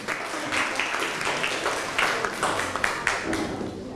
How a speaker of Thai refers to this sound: ขอเสียงปรบมือให้กับผู้ประเมินด้วยครับ